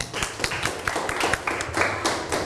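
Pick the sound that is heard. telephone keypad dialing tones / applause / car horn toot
applause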